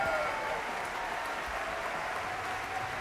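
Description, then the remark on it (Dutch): Steady applause from a concert hall audience in France for an orchestra and soloists led by conductor Raphaël Pichon, a dense, even wash of clapping hands that continues without a break, with no voices on top. “En je hoort op de achtergrond het applaus vanuit dus de concertzaal in Frankrijk.”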